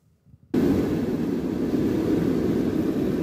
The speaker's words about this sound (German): Und plötzlich ist es richtig laut im Flugzeug. Der Druck in der Kabine fällt ab, deshalb die Sauerstoffmasken.